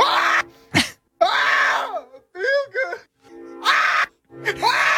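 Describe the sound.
A man's voice imitates a funk singer's signature scream, inspired by a man attempting it on TikTok: a run of loud, raspy wails and sharp yelps, some rising and some wavering, with short gaps between them and no talking.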